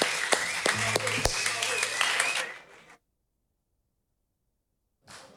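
A crowd applauds loudly with dense, sustained clapping for a couple of seconds, then it fades out into silence before a brief burst returns at the end.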